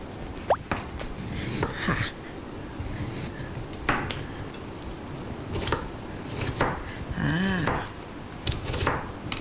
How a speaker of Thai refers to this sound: แล้วก็หั่นอีกเหรอคะ หั่นอีก